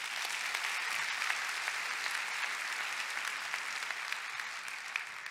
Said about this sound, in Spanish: Dar un aplauso a Cristo.